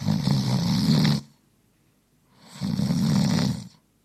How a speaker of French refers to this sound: Voilà, ronflement après un repas bien arrosé.